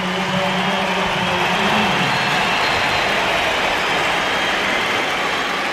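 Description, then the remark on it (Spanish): A stadium crowd gives a sustained ovation for footballer Aitana Bonmatí, back after a fibula fracture, a dense, steady roar of cheering and clapping that holds at full volume throughout, with a low droning chant underneath early on. “Esta es la ovación para...”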